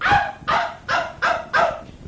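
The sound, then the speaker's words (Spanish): A dog barks five times in a steady rhythm, each bark loud with a short gap between, no voices over it. “Voy a sacar el perro también por si quiere ir al monte, oye.”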